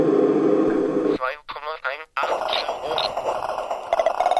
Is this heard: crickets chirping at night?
no